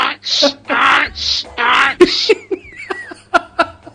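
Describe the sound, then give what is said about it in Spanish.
A man's voice imitates a donkey braying, loud and close, with rhythmic alternating hee-haw cries that rasp and wheeze, then trail off into a few shorter squeaky whoops. “El burro.”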